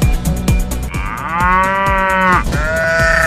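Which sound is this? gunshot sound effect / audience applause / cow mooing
cow mooing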